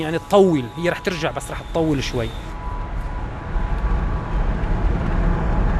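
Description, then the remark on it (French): A car drives along a road in far western Syria, about forty kilometres from the Mediterranean coast, following an archaeologist's car to the site of Apamea. A steady low rumble of engine and tyre noise fills the background, with a person speaking briefly over it at the start. “On roule maintenant tout à l'ouest de la Syrie, à une quarantaine de kilomètres de la côte méditerranéenne.”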